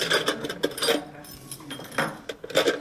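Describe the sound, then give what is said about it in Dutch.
Keys jangle in several quick, bright metallic bursts, with a short pause in the middle before more clinking and rattling as a key is handed over by a tourist office employee. “Ik ga hem de sleutel geven. Dus dit is een fantastische sleutel.”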